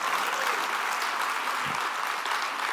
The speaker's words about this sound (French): Dieu, si vous applaudissez, applaudissez vraiment en bon cœur, là.